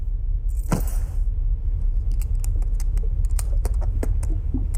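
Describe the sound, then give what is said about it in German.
Small metallic clicks and scrapes, a key being jiggled in the little lock of a locked suitcase aboard a ship, repeated irregularly over a low steady hum, with no voices. “Aber wie willst du denn im Koffer nachsehen? Der ist abgeschlossen. Ach, lass mich mal sehen. Gib mal deinen Schlüssel.”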